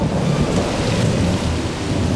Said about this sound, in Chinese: 下雨了，赶紧跑啊！